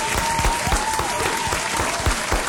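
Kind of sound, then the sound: crowd, audience applause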